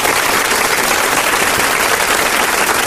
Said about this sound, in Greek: Να τη χειροκροτήσουμε, παιδιά, την Ισπανία.